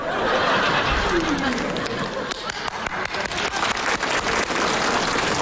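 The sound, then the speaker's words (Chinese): A small group claps in a scattered, uneven burst that grows more distinct in the second half, with some murmured voices and light laughter mixed in. “你姨跟你姨夫给你鼓掌了。”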